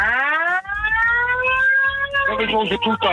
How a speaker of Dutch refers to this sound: Ja, en ik wil nog even één ding laten horen. We hebben een toeter. Ik zal hem even snel erin hebben.